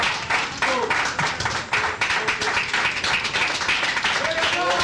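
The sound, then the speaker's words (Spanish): A crowd claps steadily and densely throughout, a loud, continuous wash of applause with voices calling out over it, applause offered to Christ at a religious gathering. “Un aplauso a Cristo, hermanos, gloria a Dios.”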